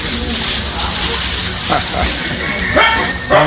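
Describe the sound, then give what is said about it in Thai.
A dog lets out a few short, playful barks at irregular intervals, barking joyfully as it walks along, partly buried in a steady, noisy background with voices murmuring. “เอาหันหน้าไปตรงไหนเห่าเรื่องนะเขาเห่าด้วยความรื่นเริงนะหันหน้าไปตรงไหนเห่า”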